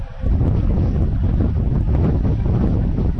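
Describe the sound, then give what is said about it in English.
A loud, steady rumble of wind buffeting a microphone kicks in after a brief moment and roars on without a break, heavy and muffled, with no voices. “A little movement in the air with a gust of breeze.”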